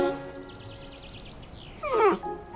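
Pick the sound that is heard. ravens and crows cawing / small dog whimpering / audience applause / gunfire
small dog whimpering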